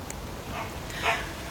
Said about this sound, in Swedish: Ja, där hör vi din hund